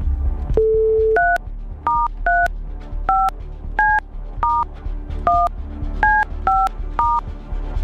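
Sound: dialing a phone number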